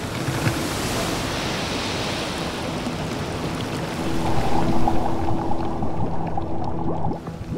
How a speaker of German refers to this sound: Da der Garten ein Lebensraum aus Menschenhand ist, bestimmt auch der Mensch, wann es regnet. Die Tropfen aus der Gießkanne schleudern die Winterlingssamen aus den Fruchtständen.